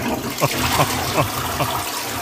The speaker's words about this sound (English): One of our listeners yesterday said to use a kettle. So I'm going to get that now because it is still quite blocked. It's not looking good down there. It's really not. Let's see if it actually flushes with this flush.